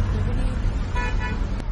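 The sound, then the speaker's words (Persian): Steady road traffic, including quarantine vehicles during the coronavirus outbreak, rumbles past while a vehicle horn honks briefly in the middle, a short tonal blare over the continuous engine noise. “اینم ماشینای قرنطینه”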